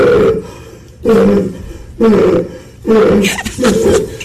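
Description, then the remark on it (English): A man having a panic attack gasps in loud, hoarse, seal-like barking breaths, four or five harsh rasping bursts about a second apart, each trailing into a strained wheeze. “Sounds like a seal. Give him a paper bag. Wow. That is an epic panic attack right there.”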